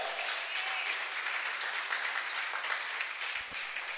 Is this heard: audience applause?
yes